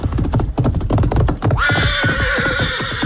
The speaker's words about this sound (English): Meantime, having returned to camp, the Lone Ranger and Tonto were preparing supper when Dan's horse, Victor, galloped in and stopped.